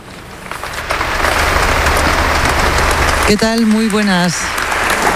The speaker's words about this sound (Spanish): Lo que estás escuchando ahora mismo en directo son los aplausos al discurso que ha dado su santidad el Papa León XIV aquí en la Abadía de Montserrat, un evento que te llevamos contando durante toda la mañana.